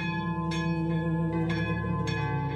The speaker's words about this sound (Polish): Dzwony biją na trwogę.